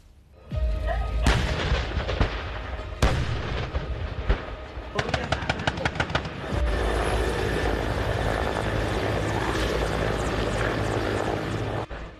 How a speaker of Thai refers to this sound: ท่ามกลางภูมิประเทศอันเข้มข้นของพื้นที่ฝึกบ้านดีหลังอำเภอพัฒนานิคมจังหวัดลพบุรีเสียงยุทธปกรณ์และการเคลื่อนกำลังของกรมทหารราบเฉพาะกิจกองพลทหารราบที่11ดังกึกก้องสะท้อนถึงความพร้อมขั้นสูงสุดในการป้องกันประเทศ